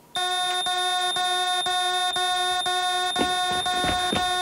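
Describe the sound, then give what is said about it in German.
A loud, harsh electronic alarm buzzer, set off by pressing an emergency button as a test, sounds continuously with a rapid pulsing rhythm and a bright, rasping tone, with faint rustling noises underneath toward the end. “Wenn was ist, Notknopf drücken,”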